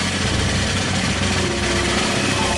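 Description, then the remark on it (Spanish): A prize roulette wheel is spun on a radio show to pick a listener for a kite giveaway, with a steady, loud mechanical whirr and hum that holds evenly for a couple of seconds, with no voices over it. “Giremos la ruletica a ver quién aparece por este lado.”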